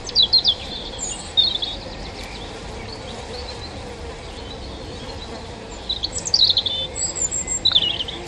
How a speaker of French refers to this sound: Le poids plume du rouge-gorge au-dessus de moi, son sens de la mélodie et ses gènes de dinosaure me laissent bouche bée. Comment un être de 12 cm et de 21 grammes à tout casser peut-il produire un chant aussi puissant ?